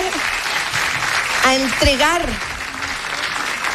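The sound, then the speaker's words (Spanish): Sustained audience applause at the Premios Pulsar 2026 music awards fills the whole stretch, a dense, steady clatter of many hands, with a brief voice or cheer rising over it midway before the clapping carries on. “Se ganó un aplauso”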